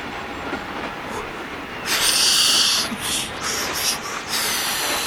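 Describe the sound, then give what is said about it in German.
The boiler of Thomas, a steam locomotive, pounds and lets out a loud, sharp hiss of steam over a steady rumble, followed by several shorter hissing puffs. No one speaks. “Sein Kessel pocht und dampft.”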